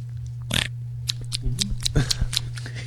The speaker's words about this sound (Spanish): ¿Por qué hace tanto ruido el masticar sin necesarias, no? No, ¿qué?